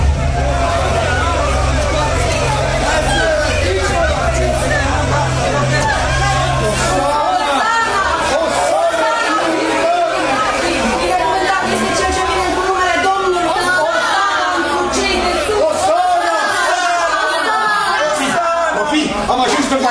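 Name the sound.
crowd of people shouting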